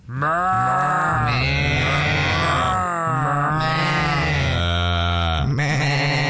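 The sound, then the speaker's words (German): A man's voice, heard on RBB 88.8 radio, imitates a flock of bleating sheep (not a real flock), with loud, wavering, nasal baa calls overlapping continuously for several seconds, pitch bending up and down across each bleat. “Aber pass mal auf, was Sie jetzt hören hier auf RBB 88.8, das ist keine echte Schafsherde, sondern das ist ein Mann, der blökt.”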